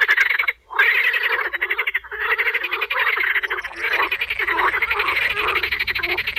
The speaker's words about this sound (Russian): Ты слышишь, дядя Кузя? Лягушки квакают, целый хор. Да, лягушки уже проснулись от зимней спячки. В конце апреля природа наполняется звуками.